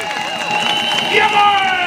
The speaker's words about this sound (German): Bitte noch ein bisschen lauter. Und noch ein bisschen lauter. Ruft und klatscht